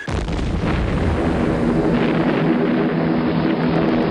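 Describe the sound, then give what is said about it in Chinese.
Japanese warplanes flying in formation roar loudly overhead in China during a morning bombing raid, a dense, unbroken engine drone with a low throbbing hum, sustained at full intensity for the whole four seconds with no voices. “巨大的轰鸣，尖利的啸叫，在孩子的眼里意味着死亡的恐惧。”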